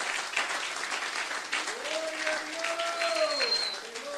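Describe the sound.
Sustained applause from a large crowd applauding Christ on a worship night, a dense steady wash of clapping, with a voice calling out over it in rising and falling tones partway through.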